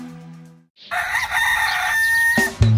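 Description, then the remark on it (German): A rooster crows once, loud, a long strained cock-a-doodle-doo that rises and holds before cutting off, preceded by a brief low tone with nobody talking. “Wie täglich ruft der stolze Hahn?”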